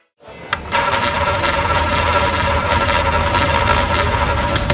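A live casino roulette wheel at Betania.dk spins steadily with the ball rattling and clicking around it, a continuous loud whirring clatter that starts abruptly and holds for several seconds with no voices; the ball lands on black 35.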